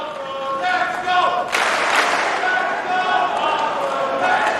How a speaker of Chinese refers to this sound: 现场在喊着费里的名字，观众呢在给他加油鼓劲儿。